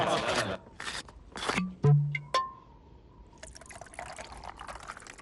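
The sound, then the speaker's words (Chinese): Water is poured into cups for guests at a garrison farm on Chinese New Year's Eve, in short splashy bursts, with a brief clink and a rising gurgle as a cup fills, moderately loud, with faint background voices. “哎，大家都跑了一天了啊，坐下歇歇，我去给大家倒水。”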